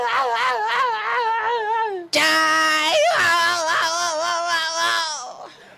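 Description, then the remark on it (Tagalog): Children crying and sobbing loudly, wavering wails that suddenly swell into several overlapping voices halfway through, with a shouted call mixed in before fading. “Mga bata, sino na tiyay nga ginahibian nyo man?”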